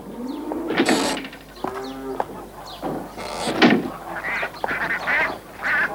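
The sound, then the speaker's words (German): Farmyard geese cackle and honk in a noisy cluster, their harsh nasal calls overlapping in irregular bursts with no talking. “Und jetzt hatten sie auch Kühe und Gänse.”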